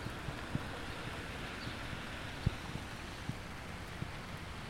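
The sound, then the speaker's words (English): Distant road traffic at about 6:30 a.m. on a rainy, windless morning forms a steady, low wash of rumble and hiss, with occasional soft taps scattered over it and no voices. “Traffic.”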